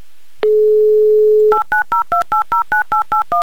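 A steady, droning dial tone plays for about a second, then about ten short, evenly spaced dual-tone beeps follow as a number is keyed in for a call over a mobile connection. No voices.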